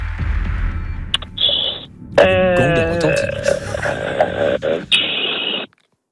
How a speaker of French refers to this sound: Le gong va retentir.